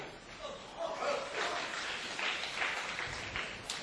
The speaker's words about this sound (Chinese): 你看听这么一段大伙儿就鼓掌啊